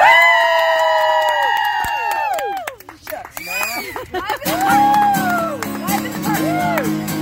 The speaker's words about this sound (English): crowd goes wild.